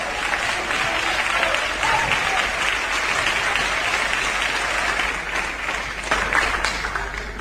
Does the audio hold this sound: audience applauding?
yes